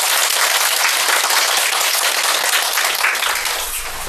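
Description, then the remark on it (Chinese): Steady applause from an audience welcomes a group called the Cloud Group to present their game, dense overlapping claps at a fairly loud level that taper slightly near the end, with no talking. “云朵组， 那就掌声有请云朵组。”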